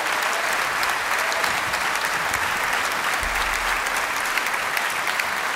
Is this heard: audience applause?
yes